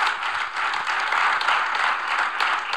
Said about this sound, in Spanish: Mientras lo aplaudían, ¿no? Esto decía Milei.